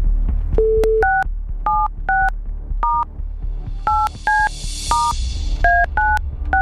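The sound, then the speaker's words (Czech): A telephone number is dialed on a keypad: a quick series of about a dozen short two-tone beeps in an uneven rhythm, clear, over a low background hum with no talking. “Tak, telefon vytočen.”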